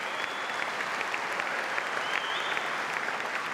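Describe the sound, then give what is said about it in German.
An audience in the church in Emsterkerfeld applauds an organ concert of rock, pop and film music, a dense, continuous patter of many hands clapping at an even loudness throughout, with no voices standing out. “Die Zuschauer begeistert.”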